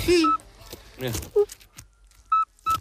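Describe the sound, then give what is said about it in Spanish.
A European toad's whistle-like call: a few short, clear piping notes, some low and some high-pitched, sounding in separate brief bursts while people talk in between. “Y es un animal de hábitos principalmente nocturnos, lo cual me cae bien, y su canto recuerda al silbido este que nos han puesto, que no se lo creen ni Dios, un sapo así.”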